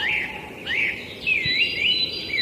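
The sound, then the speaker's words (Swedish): Great tits and European robins sing outdoors in a streamside forest with many fallen trees: clear, thin whistled phrases with rising and falling trills overlap continuously, with no one talking. “Skulle jag säga också att vi hade talgoxe och rödhake.”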